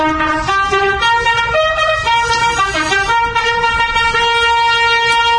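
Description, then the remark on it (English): A loud, brassy royal salute fanfare on the Talking Birds show, sustained horn-like notes stepping up and down in pitch, playing continuously for about five seconds with no one talking. “That's our royal salute music.”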